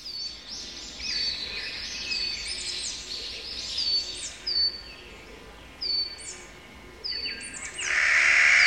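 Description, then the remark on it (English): Calls of a Clark's nutcracker, a corvid related to jays, crows and ravens, ring out amid a busy chorus of high chirps and whistles, ending in a loud, harsh, grating call, all outdoors with no talking. “The sound of a Clark's nutcracker, a bird in the corvid family, related to jays, crows, and ravens, commonly seen in the mountainous regions of the American West.”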